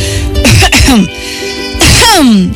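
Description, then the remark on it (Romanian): A voice imitates coughing two or three times, loud, throaty bursts with a short pause between them, clear, with a voiced, sliding tone like a staged clearing of the throat. “a tușit de 2-3 ori pentru a-l face pe micul prinț să se simtă stingherit”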